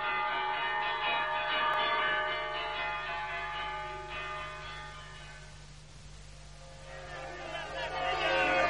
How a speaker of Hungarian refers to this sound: Kongasd meg azt az átkozott vészharangot, kongasd! Kongasd!